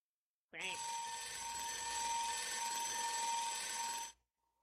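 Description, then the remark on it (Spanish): A loud, harsh alarm rings continuously for nearly four seconds, a dense metallic clanging like an alarm clock bell, starting suddenly and cutting off abruptly into silence. “Dame una alarma, Willy.”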